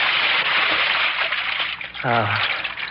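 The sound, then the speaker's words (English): A steady wash of splashing, sloshing water fills the scene as a person slips down a ladder into a pool, with a short voiced sound cutting in near the end. “I'll slip in at the ladder here.”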